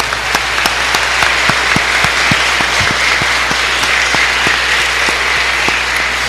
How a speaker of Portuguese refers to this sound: Nossas palmas para os ganhadores.